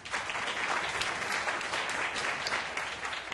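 A crowd at the groundbreaking ceremony of a company's shopping mall claps steadily for the mall's spokesperson, a dense, even wash of many hands applauding together, sustained throughout with no voices breaking through.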